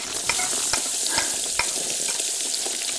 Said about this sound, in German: Zwiebeln in Würfel schneiden, ja, ja, schon geschehen. Zwiebeln anbraten, alles klar. Und rein damit.